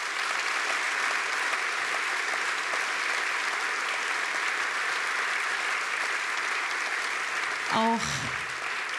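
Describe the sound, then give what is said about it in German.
Steady, dense applause from an audience for the bass player of a band on stage fills the whole stretch at an even level, with a brief vocal sound near the end rising over the clapping. “Deswegen bitte nochmal einen Applaus”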